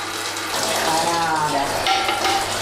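Whey drains from freshly made quark (tvaroh) and trickles steadily into a bucket, a continuous splashing, hissing stream of liquid that stays fairly loud and even throughout, with no voices over it.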